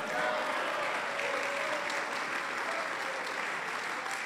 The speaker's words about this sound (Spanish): Dele un aplauso fuerte al Señor, hermano.